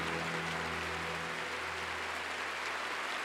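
An audience applauds steadily, a dense wash of clapping that stays loud and even throughout, with a low hum running beneath it and no voices standing out.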